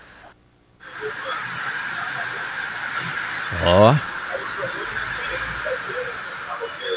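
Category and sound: nature, rain falling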